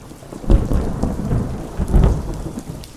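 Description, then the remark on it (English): Heavy rain pours steadily while deep rumbles of thunder roll through, swelling loudly twice over a few seconds. No one speaks. “When you sing about rain, it rains.”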